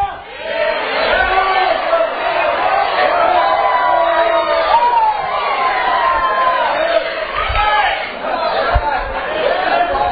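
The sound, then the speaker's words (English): A large crowd shouting and praising fills the space with overlapping shouts, cheers and excited voices, a dense, continuous roar of raised voices with occasional whoops rising above the din. “All this shouting going on and all this praising going on.”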